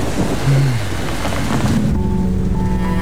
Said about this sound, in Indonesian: Badai di luar semakin mengamuk, seolah menandakan bahwa mereka akan terjebak bersama lebih lama dari yang mereka kira.